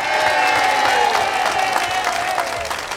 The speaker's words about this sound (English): How about that? Nice round of applause